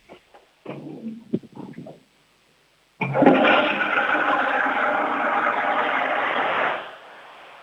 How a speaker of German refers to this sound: Die war aber schön laut, deine Klospülung. Wahnsinn. Sehr cool.